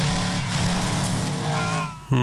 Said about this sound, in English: race car.